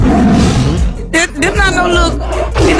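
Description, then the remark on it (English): A person growls out a loud, rough imitation of a tiger's roar, a few seconds of raspy snarling rising and falling. “I mean, the tiger gonna do what the tiger gonna do.”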